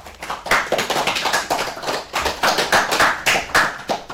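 A group of children applauds, a dense, steady patter of many hands clapping with uneven bursts, moderately loud and continuous for several seconds, with no voices.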